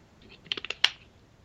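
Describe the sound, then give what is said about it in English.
Someone slurps a drink: a quick run of four or five wet, clicky sips ending in a slightly stronger pull, all fairly quiet, with no talking. “I got a letter from a woman, another slurp here.”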